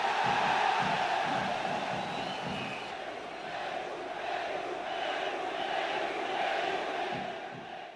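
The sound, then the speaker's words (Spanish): A large crowd shouts "Perú" and roars continuously, a dense wall of many voices with rhythmic surges of chanting rising and falling throughout, loud and sustained without pause. “Perú, efectivamente, gritaban porque Perú envió un destacamento de su aviación que apoyó a Argentina en el conflicto.”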